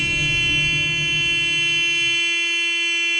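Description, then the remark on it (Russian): A long, sustained car horn blares steadily and loudly for about three seconds, a single unbroken honk with a harsh, buzzing tone and no voices. “Но тут тишину разрывает длинный автомобильный гудок.”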